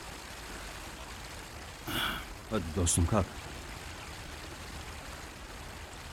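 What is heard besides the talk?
river water flowing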